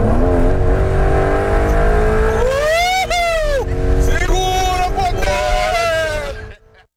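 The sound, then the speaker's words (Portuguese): The engine of a Porsche sports car, the vehicle involved in an accident, roars loudly, its pitch climbing through several rising revs as it accelerates hard, then the sound cuts away abruptly at the end. “Na Porsche também estava o influenciador Bitello, e é justamente o veículo envolvido neste acidente que aparece em outros vídeos publicados nas redes sociais e que agora também chamam a atenção dos investigadores.”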